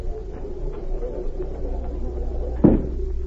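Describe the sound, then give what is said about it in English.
A door closes with a single solid thud near the end, after faint creaks and clicks over a steady low rumble. No voices. “If you'll go out that door, you'll find a telephone on your left.”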